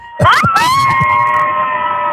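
A crowd of Backside Pond campers screams together all at once during a call-in to the radio show The Cabin Party, a loud, sustained burst of high-pitched voices that holds steady for a couple of seconds with a few sharper shrieks at the start.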